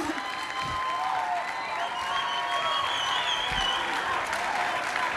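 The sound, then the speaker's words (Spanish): An audience breaks into steady, sustained applause, a dense wash of clapping that stays loud and even for several seconds, with a few faint cheers mixed in. “Un fuerte aplauso.”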